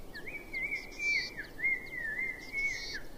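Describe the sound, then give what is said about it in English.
A single bird sings a soft, unbroken warbling line that wavers up and down, with brief higher chirps mixed in, alone over a faint, quiet outdoor background in remote, rugged cliffs with grassland-covered scree at their foot. “This is a remote area, and the rugged terrain keeps large animals away, so birdsong is the only sound in the cliffs.”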